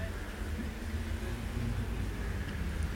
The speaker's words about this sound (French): Boulevard Saint-Germain, départ des voitures.